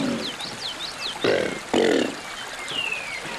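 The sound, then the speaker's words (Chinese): Two short, deep rumbling bellows from a Chinese alligator, one right after the other, with birds chirping and whistling in the background before and after. “从而产生类似吼叫的声响效果”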